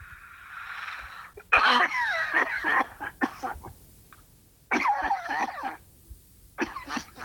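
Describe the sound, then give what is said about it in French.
Heavy, harsh coughing comes in two loud fits, each a quick run of rough, rattling bursts, followed by a few scattered single coughs, with no talking. “T'as une sacrée toux, hein?”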